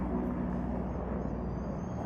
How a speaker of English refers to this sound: You might be able to hear a helicopter passing overhead just now. That'll be taking workers out to one of the rigs in the North Sea.